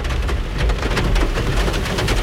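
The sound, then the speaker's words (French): Steady rain pours down in a dense, continuous hiss with scattered patters of drops on a surface and a low rumble underneath, loud, with no voices. “Et puis là, il pleut, ça va pas nous aider.”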